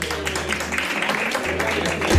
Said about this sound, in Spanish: Y este aplauso es para ella. Venga, un fuerte aplauso.